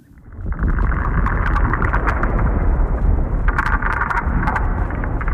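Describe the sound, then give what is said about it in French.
Steady, loud Arctic wind roars after a quick fade-in, with scattered crisp crunches and scrapes of footsteps and wooden sled runners on snow mixed into the noise. “Écoutez, c'est le souffle de l'Arctique tel qu'on le fantasmait il y a 100 ans.”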